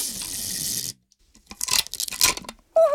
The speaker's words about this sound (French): Maintenant, Toudou prend le scotch pour coller les murs de la maison ensemble. Il déroule un grand bout de scotch. Il en déroule un autre. Et puis encore un autre.